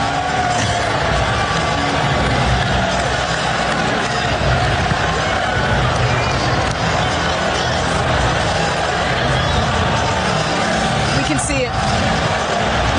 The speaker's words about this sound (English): That long break, you can hear the Knicks fans, and there were a ton of them in the building, by the way, cheering in the background.